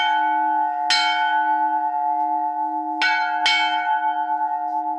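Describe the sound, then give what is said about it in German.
A large church bell of the St. Vitus church near Landshut rings loudly with a deep, sustained hum, struck three times at uneven intervals, each strike adding a bright clang over the lingering resonance. No voices are present. “aushärten, wird dann geöffnet, geweiht und dann hoffen wir, dass sie ewig läutet.”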